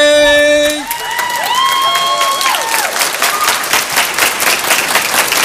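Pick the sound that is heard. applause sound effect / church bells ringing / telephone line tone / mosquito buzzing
applause sound effect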